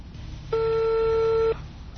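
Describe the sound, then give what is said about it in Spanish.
One steady electronic phone ring tone, about a second long and fairly loud, as a call to the municipal DIF office rings without pickup, over a low background hum. “Ahí está, el teléfono del DIF municipal no contesta.”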